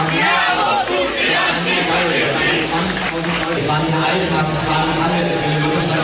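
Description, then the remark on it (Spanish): A large antifascist protest crowd of a few thousand people at the Brandenburg Gate in Berlin, Germany, at night, protesting after elections won by the far right, shouts and chants together, a loud, continuous roar of many voices with rhythmic pulses of collective yelling throughout, with no single speaker standing out. “Son los gritos antifascistas de anoche en la puerta de Brandenburgo de Berlín, una concentración de pocos miles de personas.”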